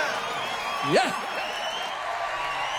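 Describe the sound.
An audience at a Melech HaKasetot (King of the Cassettes) nostalgia show claps for the performers in a steady, dense patter that lasts the whole stretch, with a brief voice rising in a whoop near the start before the applause carries on at an even level.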